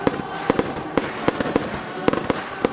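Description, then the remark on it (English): Canada Day fireworks at the Kin Center in Miramichi burst in a rapid, irregular string of sharp bangs and pops over a steady crackling rumble, fairly loud, with no voices. “And after the great music, stay for the Canada Day fireworks.”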